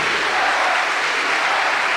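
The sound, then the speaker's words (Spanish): A church audience applauds Christ, clapping steadily in dense, sustained applause, a broad hiss of many hands filling the whole clip with no voices standing out. “Pues fuerte el aplauso a Cristo, mis hermanos.”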